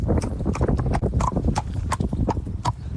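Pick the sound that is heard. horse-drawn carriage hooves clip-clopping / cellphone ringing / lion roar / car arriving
horse-drawn carriage hooves clip-clopping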